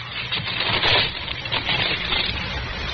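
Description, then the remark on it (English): A flat, dirty brown paper parcel sealed with wax, holding a phonograph record, crackles and tears as it is pulled open, a steady rustling, crunching sound lasting a few seconds with a brief louder rip, no voices. “Some sort of flat brown paper parcel sealed with wax.”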